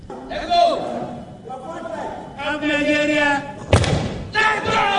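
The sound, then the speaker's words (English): A crowd at a Commonwealth Games weightlifting competition shouts loud, sustained encouragement in overlapping voices, yelling "let's go", broken midway by a single heavy thud before the yelling picks up again. “As the crowd yells, let's go.”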